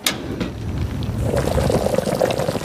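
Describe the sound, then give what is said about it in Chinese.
Vinegar poured over a dish: a short click at the start, then a steady, moderately loud splashing pour that grows fuller after about a second, with no voices. “我叫您浇浇菜啊。”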